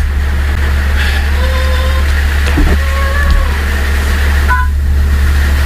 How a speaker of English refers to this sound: That's the screen locked sound. The instead of it saying screen locked, it's like a little chirp kind of thing.